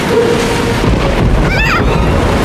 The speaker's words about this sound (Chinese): 没事的，皮特，这种小暴风雨吓不到我咔嚓船长的。也许这小暴风雨一点儿也不小，我们找个地方躲一躲。